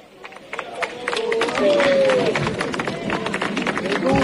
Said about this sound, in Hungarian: Kedves hallgatók, ahogy hallják a tapsot, megérkezett a Szent Atya Leó pápa a helyszínre.